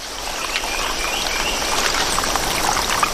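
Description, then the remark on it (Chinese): A steady rush of rainforest stream water, risen after heavy rain, pours and churns without pause, a bright hissing wash with faint chirps here and there and no voices. “随着雨林各处溪流水位上涨，一种小动物的世界开始焕发活力。”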